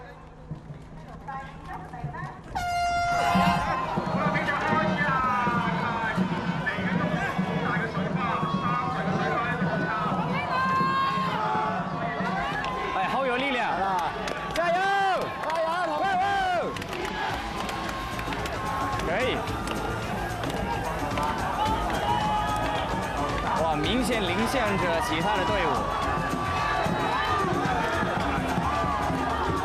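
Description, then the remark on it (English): A longboat race with 10 teams in Hong Kong gets underway as a large crowd erupts into loud, sustained cheering and shouting, with steady rhythmic thumping and splashing running beneath the noise. “This year's competition has 10 teams in the longboat race.”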